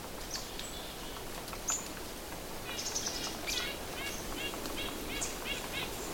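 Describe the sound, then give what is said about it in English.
A series of short, nasal red-breasted nuthatch calls repeats at a fairly steady pace, a little bit far away in the woods, over a constant hiss of woodland ambience, with no one speaking. “Ah, there's some nuthatches. Those are red-breasted nuthatches.”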